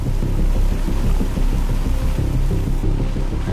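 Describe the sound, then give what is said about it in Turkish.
Steady rain falls without pause in the Arctic, a dense, rumbling, muffled patter. No voices are heard. “Hala yağıyor.”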